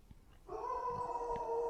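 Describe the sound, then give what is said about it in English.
A dog howls, a sustained, steady wail that starts abruptly and holds its pitch for over a second, with faint background noise underneath. “That was a howl.”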